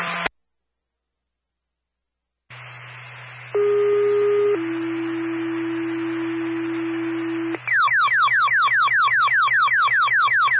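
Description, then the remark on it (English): Loud radio alert tones over a hissing channel: a low steady hum, then two sustained pitched tones in sequence, followed by a rapid repeating warble of rising sweeps. Fire dispatch tones for Weathersfield Fire, sending an engine to a first-alarm attic fire at 18 Monument Hill Road, Springfield; time of tone 1943. “Time of tone, 1943.”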